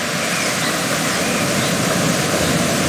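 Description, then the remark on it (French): Loud, steady rush of the Silver River tumbling over rocks at the Devil's Grotto, water coming from Lake Helgoat, falling several meters and winding between the rocks, a dense continuous roar with no pauses or voices. “Vous entendez, elle vient du lac de Helgoat et chute de plusieurs mètres, serpente ensuite entre les rochers.”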